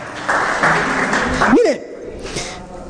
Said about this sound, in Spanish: Dele un fuerte aplauso al Señor, por favor. ¡Gloria a Dios!